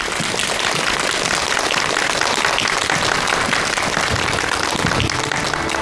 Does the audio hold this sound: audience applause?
yes